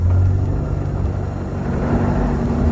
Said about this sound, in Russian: Какая-то машина тяжело пыхтя брала подъем высокого холма. Мадам Филиппа прижалась лбом к стеклу катафалка, а машина медленно карабкалась все ближе и ближе.